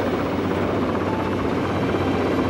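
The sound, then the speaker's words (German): A helicopter flies, turning toward a person on the ground where it can land, its rotor producing a steady, loud chopping drone that stays constant throughout, with no voices present. “Der Hubschrauber dreht in Zoes Richtung.”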